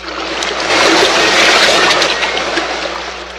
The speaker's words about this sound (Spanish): Ya distingo un inmenso océano. El mar está embravecido. Mira qué inmensas son sus olas. Se estrellan contra las rocas.